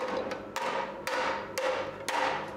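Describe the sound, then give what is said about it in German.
A hammer strikes hot sheet metal being forged in a steady rhythm, about four sharp ringing blows half a second apart with lighter taps between, fairly loud, with no talking. “Dann schwingt er wieder den Hammer.”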